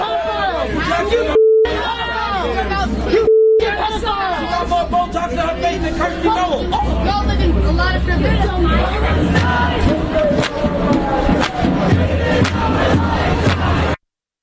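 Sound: protest crowd shouting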